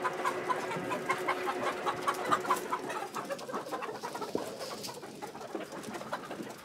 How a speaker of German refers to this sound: Ja! Jetzt dürfen die Hühner zum ersten Mal auf die frische Wiese.